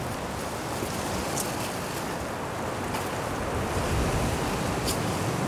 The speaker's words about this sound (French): Des rafales de vent. Plutôt fortes.